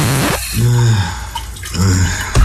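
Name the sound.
shower water running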